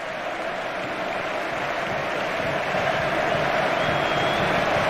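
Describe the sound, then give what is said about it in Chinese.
A large stadium crowd at Camp Nou applauds Lewandowski at the end of Barcelona's 3-1 home win over Real Betis, his farewell match there: a dense, continuous wash of clapping and crowd noise that holds steady and loud throughout, swelling slightly toward the end, with no distinct voices standing out. “现场观众也在向莱万多夫斯基致意。”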